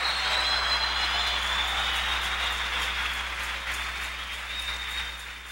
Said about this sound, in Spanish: Así que ni el que planta es algo, ni el que riega, sino Dios quien da el crecimiento. Un aplauso al que da el crecimiento.